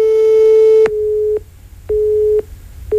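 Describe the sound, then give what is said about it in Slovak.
A telephone busy signal of a rejected call sounds clearly on its own: a steady tone cut into short, evenly spaced beeps with brief silences between them, fairly loud. “Ten naše opakované telefonáty rušil a na SMS správy neodpovedal.”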